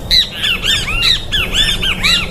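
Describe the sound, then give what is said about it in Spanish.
A great kiskadee, locally called bicho feo, calls loudly and repeatedly, a rapid run of shrill, arching squawks at a steady rhythm, with no one talking over it. “dicen bicho feo, pero las de mi época le decían bicho feo.”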